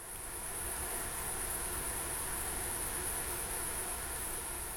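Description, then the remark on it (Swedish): A dense, steady hum of a large swarm of male insects, continuous and unbroken for the whole stretch, with a bright high-pitched whine layered over a rough low rumble. No voices. “Men det här är ett största svärmar kan vara på 100 000 individer, hannar av. Och då blir det att en summerad effekt som hörs väldigt bra också.”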